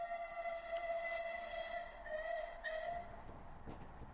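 A steam train whistle sounds in one long, steady, shrill blast over the chuffing rumble of a moving train, fading slightly toward the end.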